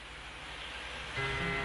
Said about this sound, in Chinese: 听到少少嘅雨声喺度啊，呢一首歌。